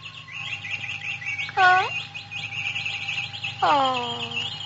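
After the covers are pulled off their cage, caged birds chirp continuously in quick, high twittering bursts, with two louder swooping calls standing out over a steady low hum.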